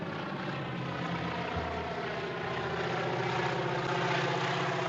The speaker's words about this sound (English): And then, of course, he sees this little plane appearing in the distance, you know, dusting crops. And you realize that the plane is there to kill him.